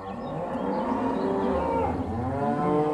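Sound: cow mooing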